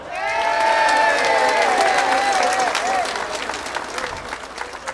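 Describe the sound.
A crowd breaks into sustained, dense applause, with a few cheering voices rising over the clapping early on before the ovation gradually tapers off.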